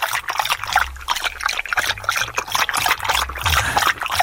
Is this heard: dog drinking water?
yes